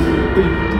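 A steady rumble of a train rolling along the rails, with a constant low droning hum and no voices, holding at an even level for the whole moment.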